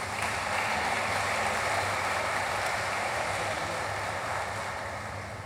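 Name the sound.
audience applause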